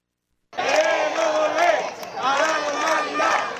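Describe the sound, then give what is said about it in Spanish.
Several dozen residents of Ceuta, gathered in the evening at the military housing on Avenida de Otero to protest the housing of migrants there, shout together in unison, a loud, sustained chant of many voices that rises in two long waves after a brief silent start. “Es el grito unánime de los ceutíes.”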